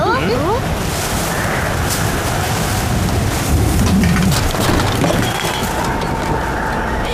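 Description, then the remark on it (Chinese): Strong wind roars steadily across an open island, a loud, dense rushing noise that never lets up, with faint gusty swells throughout and a brief voice-like sound at the very start. “别慌，在海岛上刮风是小意思。”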